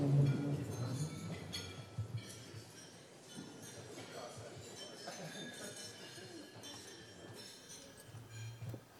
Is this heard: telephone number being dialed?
no